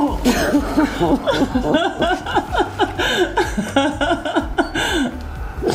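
A woman, surprised with wearing a real white wedding dress at a bridal shop in Büren, sniffles and makes shaky, broken sobbing sounds, with quick breathy catches repeating for several seconds over a steady low background hum.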